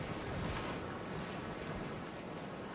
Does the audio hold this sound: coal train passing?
no